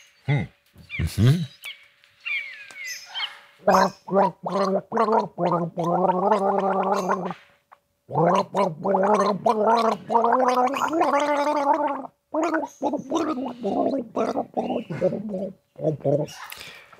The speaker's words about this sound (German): Indem du jetzt brav gurgelst und alle dürfen mitraten, welches Lied es denn ist.